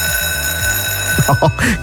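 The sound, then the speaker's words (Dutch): A school bell, the first bell of the new school year on 1 September, rings steadily with a bright, sustained metallic tone that fills the whole clip, while voices begin to talk underneath it toward the end. “Dus nog heel even en die eerste bel van het jaar zal klinken, hè?”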